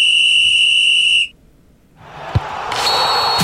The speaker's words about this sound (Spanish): Dio inicio entonces las acciones, el pitazo inicial del primer tiempo entre Colombia y Ghana.